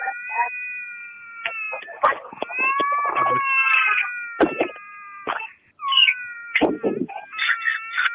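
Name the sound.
baby crying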